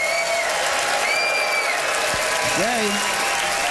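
audience applause

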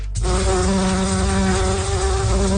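bumblebees buzzing

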